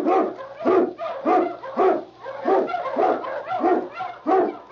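animal, husky sled dog barking

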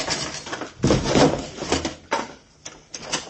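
household object, door being swung open

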